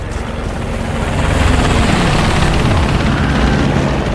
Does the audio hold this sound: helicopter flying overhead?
yes